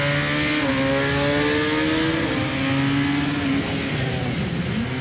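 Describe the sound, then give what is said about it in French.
A motorcycle engine accelerates hard out of a corner past the apex during a test ride, its loud, steady drone climbing in pitch in stepped surges as the revs build, with no talking over it. “Point de corde, hop, accélération.”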